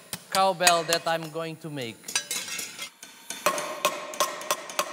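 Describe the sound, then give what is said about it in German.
Metal being hammered to make a traditional cowbell of the Picadeira model: sharp ringing clanks striking in quick succession, first with a sustained metallic ring and falling tone, then settling into a steady, fairly even beat of bright blows. “Ich arbeite hier an einer Picadeira. So heißt das Kuhglockenmodell, das ich jetzt herstellen werde.”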